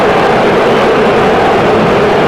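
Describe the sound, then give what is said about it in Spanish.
A large stadium crowd at a football match involving Tigres boos in a dense, unbroken roar that holds steady and loud for a couple of seconds, with no voices speaking over it. “Usted escucha el abucheo a través de la gran cadena W.”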